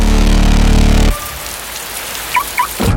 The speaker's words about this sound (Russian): Надоел дождь?